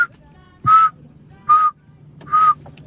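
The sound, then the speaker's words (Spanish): Someone whistles three short, steady notes at the same mid pitch, evenly spaced, imitating forest birdsong over a faint low hum. “Ahí me relaja esos pajaritos del bosque. Siempre están y hacen como del bosque.”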